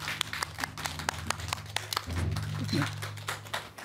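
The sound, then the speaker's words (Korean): An audience applauds to welcome a speaker to a lecture on Buddhist ritual, a dense run of many hands clapping in irregular bursts at a steady moderate level, with a low hum underneath and some faint murmuring in the later part. “여러분 큰 박수로 맞아주시면 감사하겠습니다.”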